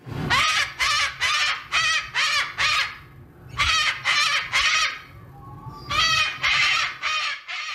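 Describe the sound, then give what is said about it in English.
Harsh, raspy cockatoo screeches repeat in three rapid bursts of four or five calls each, loud, with short pauses between groups and no talking. “That is a cockatoo.”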